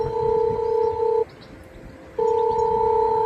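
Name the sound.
intercom call ringing tone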